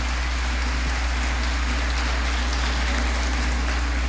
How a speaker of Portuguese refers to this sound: Para todos vocês, então, uma salva de palmas, muito obrigado por estarem aqui.